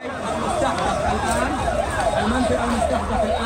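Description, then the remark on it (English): A rapidly cycling emergency vehicle siren wails up and down in quick, repeated sweeps, loud and steady, over a constant murmur of crowd voices and background noise, as emergency vehicles and crowds gather at the base of a burning building in Gaza City. “Emergency vehicles and crowds of people gather at the base of a burning building in Gaza City.”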